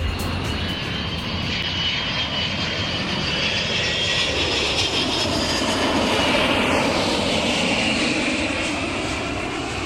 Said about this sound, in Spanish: El sonido de hoy es el de un avión, el de una maleta cerrándose a última hora, una tarjeta de embarque en el móvil, un abrazo de despedida y unos días por delante para descansar y cambiar de paisaje.